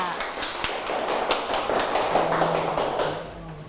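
A group of children clap their hands in a steady, slightly uneven patter of sharp, bright claps that continues for several seconds, with a faint hum underneath.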